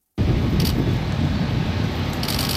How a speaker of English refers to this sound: The first car to drive over the Gordie Howe International Bridge from Windsor, Ontario to Detroit, Michigan